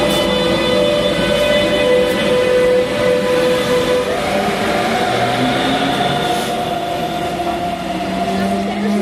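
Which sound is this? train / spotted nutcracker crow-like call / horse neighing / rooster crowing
train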